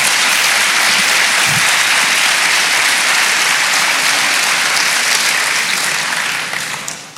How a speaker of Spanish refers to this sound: Dele palmas al Señor.